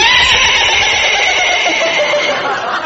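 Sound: horse whinnying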